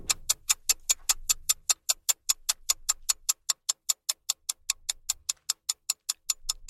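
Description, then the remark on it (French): A clock ticks steadily and briskly, roughly four crisp, even ticks per second, clear, with no voices and only a faint low rumble underneath. “Tic-tac, tic-tac, tic-tac, tic-tac, tic-tac. Le temps file.”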